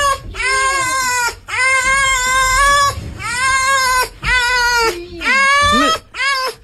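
A fox screams in a string of loud, harsh, drawn-out wails, about five cries with short breaks between them, sounding eerily like a crying baby or a yowling cat.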